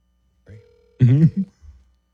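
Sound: outgoing phone call ringing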